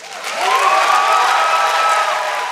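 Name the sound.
audience cheering and applauding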